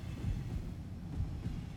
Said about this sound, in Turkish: Ve tüm bunlar uzun ve ağır yük treninin geçişi esnasında yaşanmıştı. Rayların üstünde rahatlatıcı bir ses çıkarıyordu.